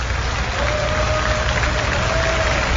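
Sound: audience applauding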